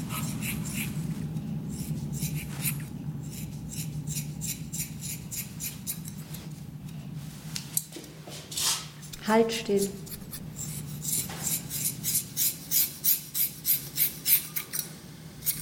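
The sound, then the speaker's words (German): Crisp snipping and scratching of scissors cutting off hair, a rapid run of rhythmic cuts building near the end, with a few spoken words and a low hum in the background. “Es war so lieblos, dieses Kratzen von der Schere, das furchtbares Geräusch und dieses Wegwerfen der abgeschnittenen Haare, ne?”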